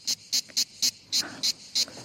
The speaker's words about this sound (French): Et ça, c'est la cigale. Ouais, ça sent l'été.